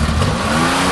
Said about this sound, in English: Do you have a car that sounds like this?